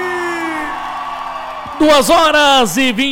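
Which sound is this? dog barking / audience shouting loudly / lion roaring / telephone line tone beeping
audience shouting loudly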